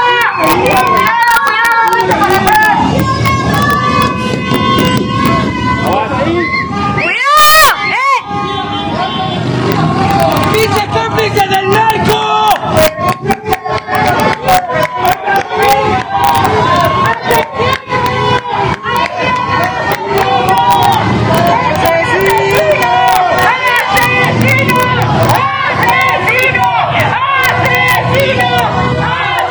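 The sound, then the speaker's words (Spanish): A large crowd shouts and yells angrily at Cuauhtémoc Blanco's passing Cadillac truck, many voices overlapping in a loud, continuous roar that stays dense throughout, with a brief sharp burst near the start. “esto le gritaba a Cuauhtémoc Blanco, que finalmente en su poderosa super camioneta Cadillac”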